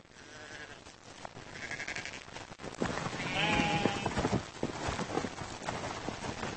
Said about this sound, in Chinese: 年初，小绵羊出生了。绵羊是一种古老的家养动物，它们很久以前就适应了高地恶劣的生活条件。